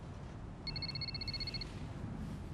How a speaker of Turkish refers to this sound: Telefon için özür dilerim.